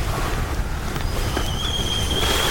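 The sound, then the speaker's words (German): Water for a cup of tea coming to a boil: a steady, loud rumbling hiss throughout, with a thin, high whistling tone rising in after about a second and holding to the end. “Oh, das Wasser kocht bereits.”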